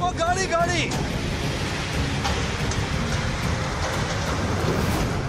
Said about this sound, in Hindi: ये तूफानी सैलाब ऐसे आया कि सब कुछ तबाह हो गया। नीति घाटी में सोमवार को इसी फ्लैश फ्लड ने तबाही मचाई थी। चार पहिया गाड़ी और बीआरओ का करीब 40 मीटर लंबा पुल भी तेज बहाव के सामने टिक नहीं पाया। देखते ही देखते ये धोली नदी में समा गया।